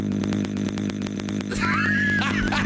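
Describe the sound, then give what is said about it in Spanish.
A loud, buzzing chainsaw-like drone from a voice, with a rapid pulsing rattle that gives way to a rising, revving whine, held steadily for a few seconds. “Oye, güey, si le hace igualito que motosierra. Voz de motosierra, güey.”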